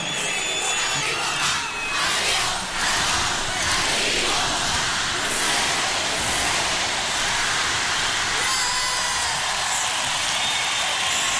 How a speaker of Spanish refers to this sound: Yo estaba tan contenta con este festejo. Aparte, ¿cuándo me voy a esperar tantos gritos y tanto cariño y tantos aplausos? Ay, qué increíble.